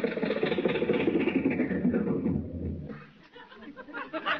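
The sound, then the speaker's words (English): A car engine, driven through the gate into a studio and signaled to stop, rumbles steadily, then winds down and cuts out about two-thirds of the way through, leaving quieter background sounds. “Gee, boss, the gate man let us drive right into the studio with the car.”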